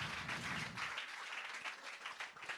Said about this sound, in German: Ja, bitte auch einen riesen Applaus